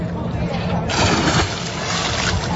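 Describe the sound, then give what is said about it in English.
People splash around in the fresh water at a new public swimming dock behind the Canadian Museum of History in Gatineau on a summer day, a steady wash of sloshing and splattering with murmured voices in the background. “The NCC dock opening Friday behind the Canadian Museum of History, and people aren't hesitating to take a dip.”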